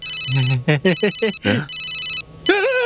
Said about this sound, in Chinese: 是老板的电话。手机。